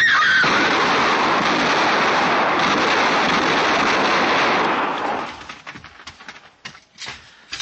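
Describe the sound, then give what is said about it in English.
A woman screams loudly on cue to distract two attacking men over a dense barrage of gunfire lasting several seconds, which then breaks off into a few scattered, sharp shots and quieter noises. “when I give the word, you yell as loud as you can, huh? Scream, it'll throw them off.”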